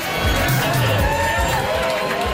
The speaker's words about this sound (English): The crowd is a mix from 19 years old to pensioners, and they're loud, hot, and here to party.